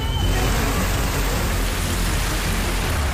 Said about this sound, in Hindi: धौलपुर में तेज बारिश के बाद सड़कें दरिया में बदल गई हैं। कहीं सड़क पर पानी का तेज बहाव है तो कहीं बाजार और निचले इलाकों में घुटनों तक पानी जमा नजर आ रहा है।